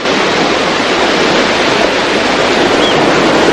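Waves wash onto a beach in a steady, loud roar of surf that holds without pause for the few seconds, with no voices.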